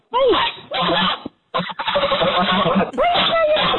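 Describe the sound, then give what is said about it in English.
Umbra, a young female goose, calls in several long, hoarse honking bursts, rough and raspy with occasional rising and falling squeaky tones, loud and unbroken by talk. “That's the old goose. That's right. Young goose, rather.”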